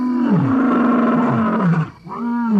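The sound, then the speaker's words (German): A lion in a national park in Tanzania roars loudly: a long, deep, rumbling roar that sags in pitch, a brief breath-like gap, then a second roar begins. No voices are heard. “Natürlich haben sie auch Löwen gesehen.”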